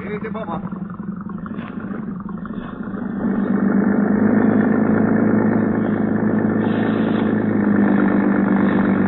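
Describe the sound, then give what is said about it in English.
A harbor police motorboat engine, setting out from the harbor police dock into the bay at Manila at night, runs in a steady, throaty drone that grows louder and fuller after a few seconds, then holds a constant rumble. “When Sergeant Malva finally arrived at the harbor police dock, a boat was ready for us.”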